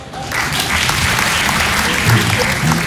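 An audience breaks into steady applause, dense clapping that starts abruptly and holds at an even, loud level for a few seconds, with no talking over it.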